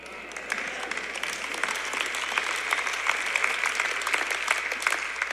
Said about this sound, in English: That was a half-hearted clap, but I'll take it.